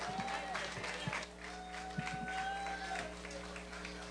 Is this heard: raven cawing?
no